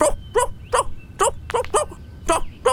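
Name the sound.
dog barking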